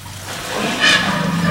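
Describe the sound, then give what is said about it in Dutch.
An elephant urinates onto the ground: a steady stream splashes with a rushing, hissing patter that swells briefly near the middle and keeps going to the end, with no talking. “Nou, dit is dan maar een heel klein plasje, maar...”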